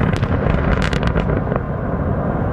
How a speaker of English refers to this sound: Explosions used to create open pit mines right beside Russian villages.